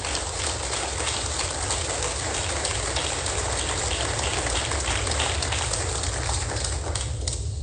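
Steady applause from a crowd giving a round of applause and blessing to mission workers, a dense, even crackle of many hands clapping that holds at the same fairly loud level for several seconds, with no voices over it.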